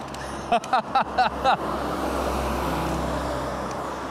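A bus rumbles past, its steady engine and road noise filling the scene after a quick series of five short, tonal bursts at the start.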